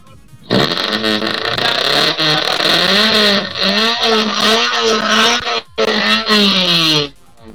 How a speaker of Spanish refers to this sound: Coche a la vista, máquina 615 en la categoría estándar A, perseguidor en el campeonato del representante del municipio de Torno, Robin Talabas.